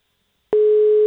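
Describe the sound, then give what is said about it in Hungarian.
After a half-second of silence, a loud, steady electronic telephone ringing tone starts abruptly and holds unbroken to the end, with no voices. “De most csörögnie kell.”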